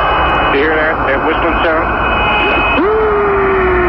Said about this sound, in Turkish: 69'da uzaya giden Apollo 10 mürettebatının ayın karanlık yüzünde garip sesler duydu. Ayın karanlık yüzünde garip sesler duymuşlar. Bu ortaya çıktı. Şimdi size o sesleri dinletiyoruz. Ayın karanlık yüzünden gelen sesler, bakalım nasıl seslermiş.